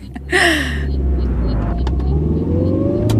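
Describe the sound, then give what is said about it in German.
A car engine hums steadily at speed while driving on the A57 motorway to the state criminal police office, a loud low rumble of road driving with a brief rising whine near the start and continuous tire and wind noise throughout. “Ich setze mich ins Auto, fahre über die A57 zum Landeskriminalamt auf dem Parkplatz.”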